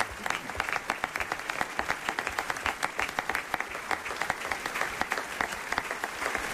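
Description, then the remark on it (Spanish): Steady audience applause for guest actors after a radio drama performance fills the whole stretch, many hands clapping in a dense, continuous patter with sharp individual claps standing out, lively. “Nuestro aplauso especial a nuestros actores invitados de esta mañana.”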